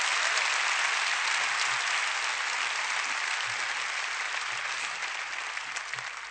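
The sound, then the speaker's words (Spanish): Steady, dense audience applause given for God, many hands clapping at once, a continuous bright crackle that holds strong and then eases off slightly toward the end, with no voices on top. “Dáselo fuerte a quien recompensa, que es Dios.”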